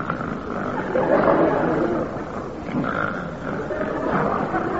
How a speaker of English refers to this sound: But he'll lie awake all night with his granddad. Listening to the snoring. Oh, you should hear him.